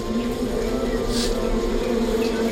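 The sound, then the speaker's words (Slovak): A dense, steady drone of many agitated bees buzzing as a beekeeper comes to feed them and puffs smoke over them, a continuous hum with no pauses for the whole stretch, fairly loud and unbroken. “Pokojne, včeličky. Nezlostite sa, veď som vás prišiel nakrmiť.”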